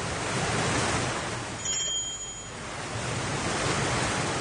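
A steady, rushing roar of a stormy sea and strong gusting wind around a ship rocking on the waves, dipping briefly midway before surging back, with a thin high whistle cutting through for a moment; no voices.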